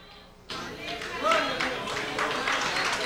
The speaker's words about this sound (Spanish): Dale un aplauso a Cristo, que Él se lo merece. El aplauso sea más fuerte, que Él se lo merece. El aplauso no es para mí, el aplauso es para Cristo. Él se lo merece.